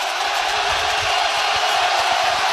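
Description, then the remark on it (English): A large crowd at a baseball game roars steadily in a dense, continuous wash of noise, loud and unbroken throughout, like a packed stadium in full cry with no single voice standing out. “Listen to this crowd.”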